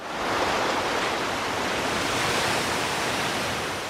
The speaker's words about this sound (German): Es ist mitten in der Nacht, stockduster und menschenleer, hier am Strand von Escobilla. Nur wer genau hinhört, nimmt neben dem gleichförmigen Rauschen der Wellen auch das leise Schnaufen der Meeresschildkröten wahr.